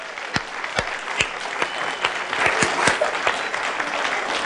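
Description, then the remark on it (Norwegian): An audience at a church service claps steadily for the children and what they have done today, with a few sharp, louder claps standing out over a dense wash of applause that swells slightly partway through and holds until the end. “children, and a super applause for all de har gjort I dag.”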